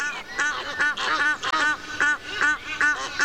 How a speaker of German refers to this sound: Wir haben zum Beispiel sich paarende Nilgänse aufgenommen. Und es waren insgesamt 3 Vögel, ein Weibchen, 2 Männchen. Und letztendlich hast du gedacht, du stehst in der Kirche und da sind 20 Gänse drinnen, weil das so ein Sound war.